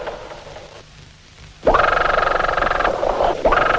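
Underwater grunting from schools of grunt fish, picked up as hydrophone signals: after a quiet, murky start, a loud, dense stream of rapid rasping pulses sets in, briefly dipping twice before surging again.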